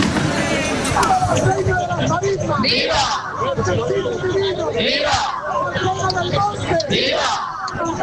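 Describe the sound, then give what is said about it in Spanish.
A dense crowd roars with overlapping shouts of "vivas" for Huelva and clapping palmas as the Sin Pecado of the Huelva brotherhood enters at 9:20 in the evening during the El Rocío pilgrimage, cheers rising in bursts every couple of seconds over a constant wash of voices. “Así como están escuchando, entre vivas y palmas por Huelva, entraba el sin pecado de la hermandad a las 9:20 de la tarde o de la noche, como se diga.”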